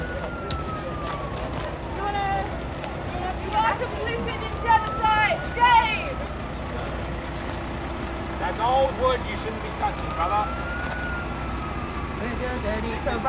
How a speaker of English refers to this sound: Oh, here comes the fire truck! Here comes the fire truck!